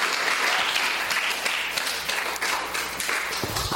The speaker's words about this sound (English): So let's give Minister Leibert and the parents and the sponsors a round of a clap, please.